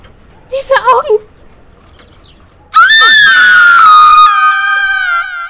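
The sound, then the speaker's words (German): A woman, the listener's sister, lets out a long, loud, piercing scream of fright that slowly falls in pitch, preceded a moment earlier by a brief, quieter vocal sound. “Der Schrei meiner Schwester riss mich aus dem Schlaf.”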